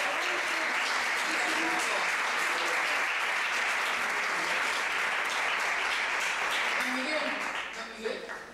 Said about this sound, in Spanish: ¡Oigo la voz! ¡Un aplauso!